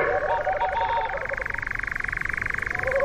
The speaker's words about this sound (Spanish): es ese sonido pulsante de fondo que escuchamos de detrás, que es el reclamo, la llamada del mochuelo boreal. Un ave de los bosques del norte de Europa, sí, de la taiga, que encuentra cobijo en los bosques del Pirineo.